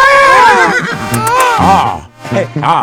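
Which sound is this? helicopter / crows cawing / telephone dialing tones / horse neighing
horse neighing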